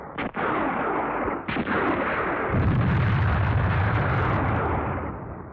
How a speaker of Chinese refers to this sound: 枪声把他惊醒了，他拔出刀来，高举着发疯似的向那块木牌子砍去。